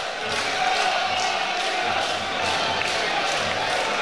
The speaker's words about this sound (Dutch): Je merkt toch dat het publiek wat onrustig wordt.